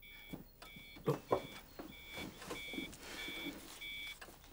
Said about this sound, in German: Ja, Alarm beim Melkroboter. Wahrscheinlich wieder die Vakuumpumpe.